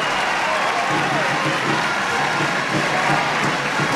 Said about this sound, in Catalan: Ha passat per un moment delicat aquest 5 de 9 i escolteu com aplaudeix la supercatedral, la plaça del Blat de Valls.